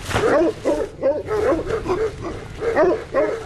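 Several large Pyrenean mountain dogs (patous) bark loudly and repeatedly, deep overlapping woofs following one another in an almost continuous, uneven rhythm.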